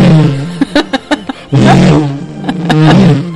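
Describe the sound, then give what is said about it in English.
A voice imitates a lightsaber with a loud buzzing hum, broken by a quick run of sharp clashing bursts before swelling back into a droning, wavering roar. “See, it's the only time maybe I could do my lightsaber sound effect.”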